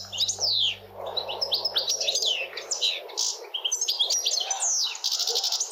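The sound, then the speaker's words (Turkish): A European goldfinch sings a rapid, tinkling stream of high chirps, trills and twittering notes, continuous and bright, with a low hum underneath for the first half. “Şu anda sakayı dinletiyorum.”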